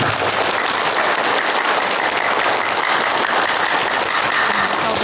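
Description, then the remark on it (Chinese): A crowd of wedding guests at a wedding ceremony breaks into loud, dense applause to celebrate the newlyweds' union, a steady wash of many hands clapping that holds at full strength for about five seconds with no voices above it. “接下来让我们以最热烈的掌声庆祝这对新人的结合。”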